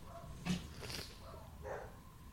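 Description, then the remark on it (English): A dog gives a couple of short, sharp barks followed by a high, drawn-out whine, sounding excited and restless. The sounds are fairly faint, with no talking. “the dog is pulling a full rocket”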